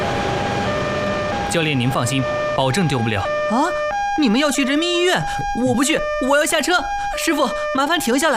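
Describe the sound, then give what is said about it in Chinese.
An ambulance siren alternates steadily between two pitches throughout, loud, while voices talk excitedly over it. The ambulance is carrying someone who collapsed and is heading to People's Hospital (Renmin Hospital). “快跟上前面的救护车，去人民医院。”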